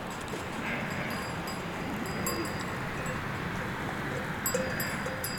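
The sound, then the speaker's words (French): A flock of ewes on the move at 1,900 metres altitude, under a sun that is starting to beat down, their hooves clattering in a steady, dense shuffle that carries on throughout, with faint bright tinkles rising briefly near the end. No voices. “Un troupeau de brebis.”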